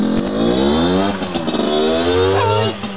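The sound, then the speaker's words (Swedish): A small moped engine revs loudly, its buzzing pitch climbing and dipping through a few quick throttle bursts before easing off at the end. “Antalet mopeder i trafik i Finland har mer än halverats sedan 2011, alltså på 15 år.”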